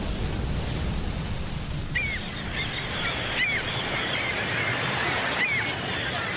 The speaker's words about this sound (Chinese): 这是大海，军港。